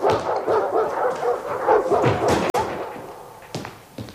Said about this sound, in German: Warum dies Gekläff? Was soll der Lärm? Einige Gepfändete wollten gewaltsam ins Haus, wollten sie sprechen.